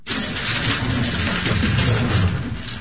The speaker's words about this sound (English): That is the clicking sound of a Rubik's Cube being speedily solved by a 6-year-old.